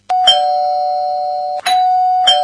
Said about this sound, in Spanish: Le voy a tocar el timbre de nuevo.